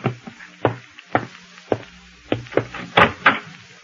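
household object, knocking on a door

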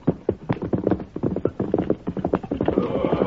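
animal, horse hooves clip-clopping

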